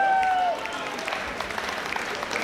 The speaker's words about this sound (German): Heute ist er mit dabei bei ZBUR. Geben wir ihm einen kräftigen Applaus.